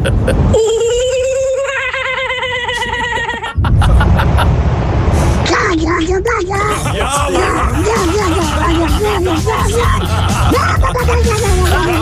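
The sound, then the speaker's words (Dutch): A kookaburra, a bird from Australia, gives its loud, raucous laughing call: a long run of rapid cackling hoots that rise and fall in pitch, following a brief sustained harmonic tone at the start. “Dit is een vogel uit Australië, de kookaburra.”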